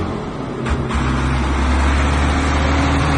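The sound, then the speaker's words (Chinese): A truck engine rumbles steadily with a deep low hum, growing slightly louder as it approaches while the truck drives down a winding mountain road; no voices are heard. “不久，一辆卡车从山路上环驶下来”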